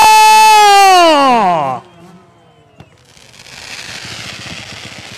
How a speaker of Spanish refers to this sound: Y bueno, en lo que empiezan a despedirse los pilotos, apreciamos un poco más de pirotecnia de día. Pirotecnia de día.